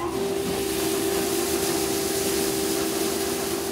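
A farm grain cleaning machine runs steadily, sieving out chaff and small grains so only good grains go into bread flour: a loud continuous mechanical drone with a strong low hum and a bright sustained tone, plus a broad rushing hiss throughout, with no voices.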